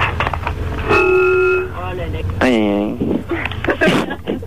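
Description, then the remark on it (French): Busy street traffic in Paris heard on a bus ride, with a steady horn blast, then a second wavering honk, over a low rumble of engines and scattered voices. “Imaginez que vous êtes dans le bus, vous en profitez, vous voyagez, on y va, c'est parti.”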